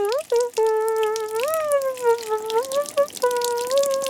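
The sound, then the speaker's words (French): Shower water runs in a bathroom with a steady hiss, overlaid by a sustained, slightly wavering tonal whine throughout, with brief dips near the start; no one speaks. “Il prend une douche.”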